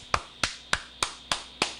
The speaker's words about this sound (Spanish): Así que un aplauso para nuestros jóvenes.